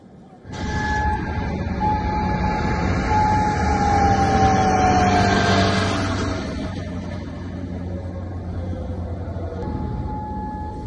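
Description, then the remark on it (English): An air raid warning siren wails steadily over Kuwait in the early hours of the morning during missile and drone attacks from Iran, its long tone holding and then slowly sliding downward over a low, rumbling background. “And sirens sounded over Kuwait in the early hours of the morning as it confronted the missile and drone attacks from Iran.”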